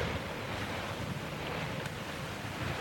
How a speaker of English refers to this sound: as the ship rolled from side to side to let the murky green waves slide past with a swish.